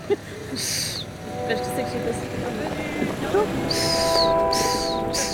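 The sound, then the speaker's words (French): A person imitates a crow's caw with a short, harsh voiced squawk partway through, set against steady outdoor wind and water noise with a few bright hissing bursts. “Moi, je vais faire le corbeau.”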